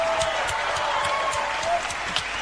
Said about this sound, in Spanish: fuerte ese aplauso para él.